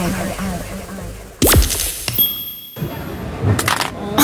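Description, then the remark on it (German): A mobile phone drops and hits a hard floor with a loud, sharp crack, then clatters again a couple of seconds later, against a low murmur of background noise. “Mein Handy! Oh, komm schon, geh wieder an, komm!”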